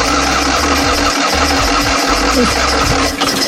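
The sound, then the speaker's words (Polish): A small Fiat 126p car engine is started and runs, a loud, uneven low rumble with a rhythmic put-put pulse and rattling mechanical noise, settling into a rough idle. No one speaks. “To jest ten dźwięk. I w tym tygodniu minęło 51 lat od momentu, kiedy pierwszy Malchus zjechał z taśmy produkcyjnej.”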